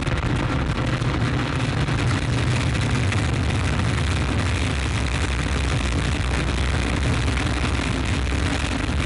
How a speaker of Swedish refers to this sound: 9, 8, 7, 6, 5, 4, 3, 2, unité, top, allumage Vulcain. Allumage confirmé. Top, allumage EAP, décollage.